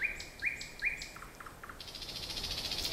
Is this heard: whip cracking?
no